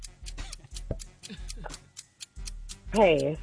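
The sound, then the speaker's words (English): A game clock timer ticks steadily and rapidly throughout a timed sports trivia round, clear, while voices ask and answer questions over it, rising into a louder, drawn-out vocal sound near the end. “Start the clock.”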